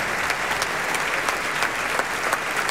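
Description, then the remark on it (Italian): Sustained applause from a large opera house audience as Michele Mariotti is brought onto the stage and the orchestra stands, a dense steady wash of clapping with scattered sharper claps standing out, loud and continuous with no voices. “Ecco, arriva Michele Mariotti, portato sul palco da Amenaide, applausi convinti anche per lui, l'orchestra si alza in piedi.”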